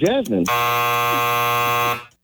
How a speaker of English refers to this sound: Now, you didn't get to the last three. The sound you heard was a buzzer.